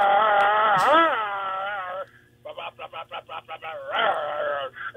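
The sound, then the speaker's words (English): A radio caller's voice imitates an RC monster truck for a call-in contest: a buzzy, wavering engine whine that rises and dips, then breaks into about nine quick sputtering bursts before revving back up into a sustained drone. “Here's his impression of an RC monster truck.”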